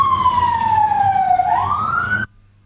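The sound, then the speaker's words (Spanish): A fire truck siren wails loudly as fire trucks pass by, with a sweeping tone that dips and then climbs again, rumbling engine noise underneath, before cutting off abruptly near the end. “¿Algún incendio o algo? Porque he pasado tres carros de bomba por acá.”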